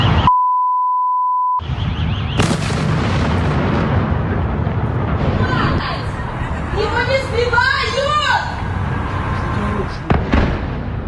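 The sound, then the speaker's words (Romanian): A brief electronic bleep, then loud, booming explosions from missile strikes on Kyiv, Ukraine, shaking at least 12 areas of the city, with crackling and roaring noise, whistling tones rising and falling midway, and voices faintly heard amid the din. “Timp de aproape 9 ore, sirenele s-au auzit aproape fără întrerupere, în timp ce explozii au zguduit cel puțin 12 zone ale orașului.”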